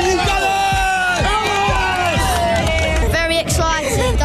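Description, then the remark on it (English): A large crowd of Arsenal football fans roars and cheers continuously, loud, with dense overlapping shouts, whoops and chanting voices forming a packed wall of celebration, during a two-hour open-top bus parade through the streets of North London for their first Premier League title in 22 years, with supporters setting off flares and climbing lampposts. “Supporters have set off flares and climbed lampposts to cheer on their heroes during a two-hour open-top bus parade.”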